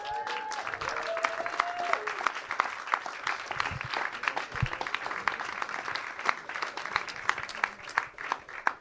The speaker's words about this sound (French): Et j'aimerais bien qu'on refasse un tonnerre d'applaudissements pour les intervenants.